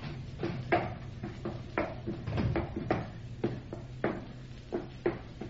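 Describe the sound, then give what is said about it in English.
A wooden ship's hatch being worked open to go below deck: a run of hollow clunks and knocks at a fairly steady pace, over a low rumbling background with no talking. “But now we will go below and see if we can locate Granger's cabin. There is the hatch.”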